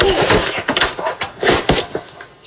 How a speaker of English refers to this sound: Yeah, that was me tripping over the sidewalk, actually the edge of the sidewalk, and then starting to fall.